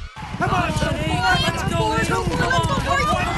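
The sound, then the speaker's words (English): Horses gallop in live harness racing at Hiawatha Horse Park, their hooves drumming in a rapid, steady rhythm, loud, while excited voices ring out over the pounding throughout; the race ends in a photo finish. “Every Saturday night, catch the best in live harness racing.”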